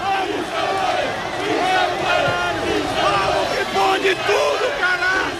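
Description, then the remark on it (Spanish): A large crowd of more than 4,000 football fans at a roundabout cheers and chants loudly as the Unión Deportiva Almería team bus passes, a dense, steady roar of many voices with rising whoops and shouted calls throughout. “Ahora mismo está pasando por delante nuestro el autobús de la Unión Deportiva Almería. Dicen que una imagen vale más que mil palabras, pero un sonido también. Este es el recibimiento.”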